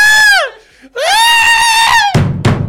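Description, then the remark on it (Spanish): A person imitates the scream from an amusement ride, a loud, high-pitched scream in two long wailing bursts separated by a short breath, followed by a brief burst of talking or laughter. “¿Y el grito?”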